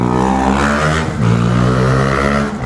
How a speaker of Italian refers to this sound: Qua siamo in pieno traffico, a proposito di trambusto.